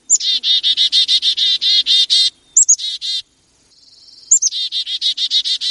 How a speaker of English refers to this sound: So let me play you some chickadee calls. And the first is this standard just chickadee call that they give when they're foraging, eating, out in the trees, moving about, talking to each other.